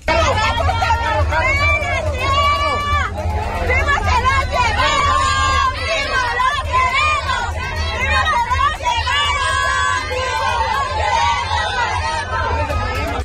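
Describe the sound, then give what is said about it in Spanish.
A dense crowd of protesters, search collectives demonstrating in Guanajuato during President Sheinbaum's visit on her Honestidad y Resultados tour. Many voices shout and call over one another in a loud, continuous roar that stays steady throughout. “En Guanajuato, colectivos de búsqueda se manifestaron en el marco de la visita de la presidenta Sheinbaum a la entidad como parte de la gira Honestidad y Resultados.”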